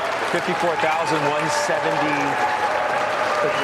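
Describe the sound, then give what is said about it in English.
Dense, steady applause from a large crowd on the New York Stock Exchange trading floor at the closing bell on a record close, loud and continuous, with indistinct voices and chatter mixed in underneath, especially early on. “I told you the bell's going to ring. That's why they're clapping.”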